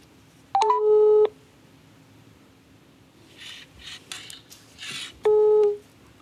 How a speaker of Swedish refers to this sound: Men först ska vi höra hur det låter när man ringer upp ett lokalt företag och skänker pengar till världens barn.